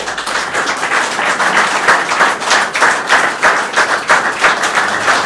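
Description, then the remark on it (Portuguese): An audience applauds steadily at an award presentation during an anniversary celebration of Rádio Cova da Beira, as a prize is handed to the radio's president: many hands clapping in a dense, loud, continuous patter with small swells in intensity and no voices standing out. “As palmas para alguém que há muito tempo, como já dissemos nesta emissão, fugia deste reconhecimento, desta vez não houve volta a dar.”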